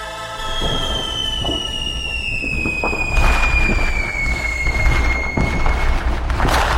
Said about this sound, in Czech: To je něco, co jsme zhruba 4 měsíce neslyšeli, protože poslední ohňostroje proběhly na vítání roku 2026, tedy silvestrovská noc.